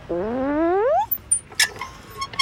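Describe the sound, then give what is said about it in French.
A green playground swing in a park creaks once in a long, rising squeal lasting about a second, followed by a few scattered metallic clicks and knocks, fairly loud, with no voices. “il y a les balançoires vertes qui grincent quand Toudou monte dessus.”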